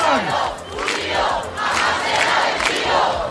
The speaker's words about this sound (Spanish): Esto cantaban anoche los acampados en la Puerta del Sol, Canals. Sí, Aymar, acampados que tienen como meta esa reunión del Consejo de Ministros.